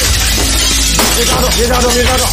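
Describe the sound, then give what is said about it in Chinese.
A glass pane is smashed loudly to get in after a door would not open, followed by a continuous rain of shattering, tinkling shards, while people's voices talk over the noise. “别费这劲了，把这玻璃给敲上。 我可砸了呢啊！”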